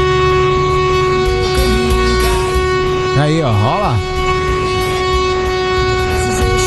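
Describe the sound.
A loud, steady horn blares continuously from start to finish as part of a buzinaço, a honking event with listeners, with a train rumbling underneath and a voice briefly speaking over it midway.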